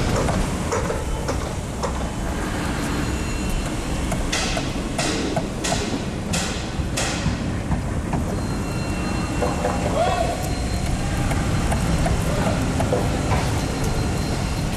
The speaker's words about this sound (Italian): Come il martello pneumatico si accorda con le scavatrici, mentre la ruspa fa da sottofondo.